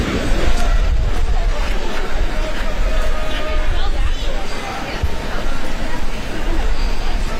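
A large crowd gathered along the Mall: a steady murmur of overlapping voices fills the whole stretch, loud and unbroken, with a heavy low rumble underneath and no single voice standing out.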